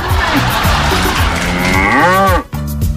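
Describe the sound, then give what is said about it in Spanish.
A cow in El Belloto lets out a long, loud moo, its low drawn-out call rising and falling before cutting off, with a brief second bellow starting right after. “Amiga, es la pura vaca nomás, es vaca, la vaca que está allá en el Belloto, una vaca.”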